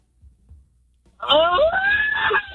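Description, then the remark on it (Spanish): After a moment of near silence, a person lets out a loud, sustained celebratory yell for a birthday person, the voice sliding in pitch and holding strong for over a second before cutting off. “¡Grito ya ahí al cumpleañero”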